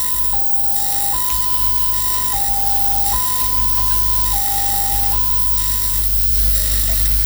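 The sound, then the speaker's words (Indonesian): An ambulance siren resembling a railway crossing bell, the pattern meaning the ambulance is on its way to pick up a patient, sounds a steady two-tone pattern, alternating between a higher and a lower pitch roughly every second, loud and continuous over a rumbling background with no voices. “Bunyi yang pertama mirip palang kereta api yang artinya ambulans sedang menjemput pasien.”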